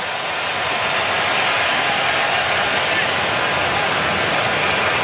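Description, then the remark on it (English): A stadium crowd cheers in a steady, dense roar that holds at an even loudness for several seconds without any clear peaks or breaks, as Myles Garrett is shown on the stadium screen. “A little cheer around the stadium in the background because they've just showed Myles Garrett on the screen, and the Rams have just traded for from Cleveland.”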